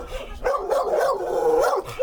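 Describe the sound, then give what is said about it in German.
Several dogs in dog runs in a backyard bark and yelp at strangers in a continuous, overlapping clamor, loud, with high whining tones woven through the noisy chorus. “Die Hunde machen jetzt natürlich Krach, weil ihr alle fremd seid.”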